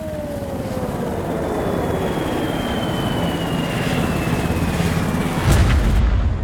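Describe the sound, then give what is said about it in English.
A heavy bomber aircraft drones steadily overhead with a slowly falling whine, then a deep, rumbling blast from an atomic bomb dropped over Hiroshima, Japan, on 6 August 1945 swells near the end and keeps roaring. No one speaks. “on the 6th of August 1945, the lead plane, Enola Gay, released the little boy bomb over Hiroshima.”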